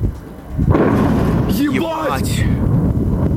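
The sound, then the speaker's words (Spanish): A sudden loud explosion booms and rolls into a long, heavy rumble as a downed drone explodes near the runways of Sheremetyevo airport in Moscow, away from the terminals, while people shout excited exclamations over it. “Cerca de las pistas del aeropuerto de Sheremetyevo, lejos de las terminales, se produjo una explosión.”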